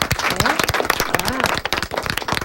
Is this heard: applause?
yes